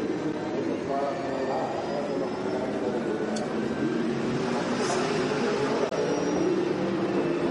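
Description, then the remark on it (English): A racing car engine heard from onboard as the driver nurses the car home to save fuel, droning steadily at reduced revs with a dense, even roar and no sharp climbs, loud and continuous throughout. “Well, he's certainly not going on full revs, is he?”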